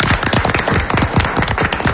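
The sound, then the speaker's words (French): Six quiz contestants from the Comédie de Picardie, in two teams, clap steadily for two seconds, a dense patter of sharp overlapping hand claps at a fairly even, lively pace with no voices. “Quand on leur demande d'applaudir, ils applaudissent ici.”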